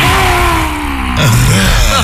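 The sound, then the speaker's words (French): A lion-breath relaxation exercise: after an inhale through the nose, a loud, forceful breath is pushed out through the mouth with the tongue stuck out. The rough, growling voice sounds like a roar, is held steadily for about two seconds and shifts in pitch near the end. “On rugit.”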